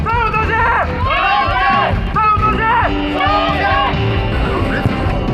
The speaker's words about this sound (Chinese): 雄起的加油声不仅让现场的球员和观众热血澎湃，也让默默无闻的三河村一下子声名远扬。